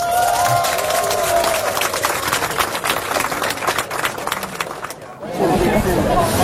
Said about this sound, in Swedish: Vi ger henne och hela matlaget en rungande applåd.